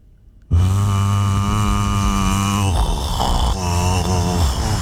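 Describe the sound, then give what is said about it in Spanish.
A voice imitates the sound of a broken refrigerator at home that no longer freezes: a loud, low, buzzing drone rich in overtones starts abruptly and holds steady, then turns rougher and wavering halfway through, continuing without a break to the end. “El único sonido que está en mi casa. La ladera rota. A ver. Es así.”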